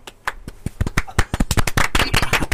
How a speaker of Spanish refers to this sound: Muy bien, mi hermano. Un aplauso para mi hermano.